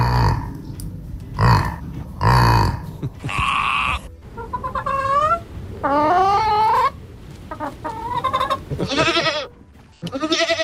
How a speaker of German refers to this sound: Ja, haben wir gehört gerade. Ein Yak, ein Schaf, ein Huhn und eine Ziege, die alle schon dabei sind bei den Stars auf vier Pfoten.